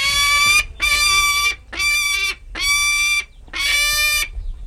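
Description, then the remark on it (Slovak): A captive-bred peregrine falcon from a breeding station at Rozanovce in eastern Slovakia gives five loud, harsh, drawn-out begging calls for meat in a steady rhythm, each separated by a brief pause, with no one talking. “Sokol sťahovavý.”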